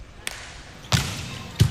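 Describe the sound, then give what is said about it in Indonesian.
Sharp, hard smacks of a volleyball being spiked hard, three in quick succession with the later two loud and punchy, ringing out over a dull background. “Cukup baik bagaimana jump serve yang sudah dilakukan. Hingga dengan mudah Faris Septian mengucapkan spike keras”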